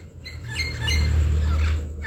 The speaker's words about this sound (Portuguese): Tem um papagaio aqui pertinho. Olha o canto dele, tão lindo.